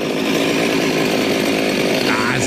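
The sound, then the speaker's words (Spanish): A voice imitates a chainsaw revving to life, a loud, continuous buzzing rattle that sputters along and then rises sharply in pitch near the end. “Cuando van a prender una motosierra, güey.”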